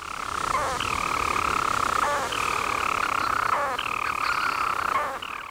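A storm petrel's song, from a seabird weighing about 29 grams with a wingspan of up to 39 cm: a long, steady, buzzing purr that carries on unbroken, interrupted every second or so by a brief hiccup-like break before the churring resumes. No voices.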